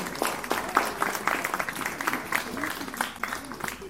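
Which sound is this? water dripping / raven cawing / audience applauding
audience applauding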